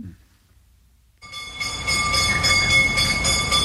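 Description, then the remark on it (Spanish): A bell sound effect marking the close of a segment on propane gas: after a moment of near silence, a bright bell starts ringing abruptly and keeps clanging in quick, steady repetition over a loud, rumbling mechanical background. No one speaks. “Con este sonido de campana cerramos el círculo del gas propano”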